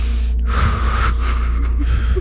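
deep breaths

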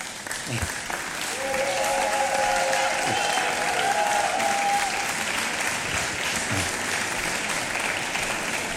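audience applause

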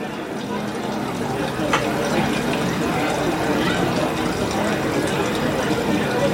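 flowing stream water

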